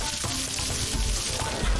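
Steady, dense sizzling of rice batter and egg cooking together into a thin wrapper on a hot griddle, a continuous crackling hiss with no voices.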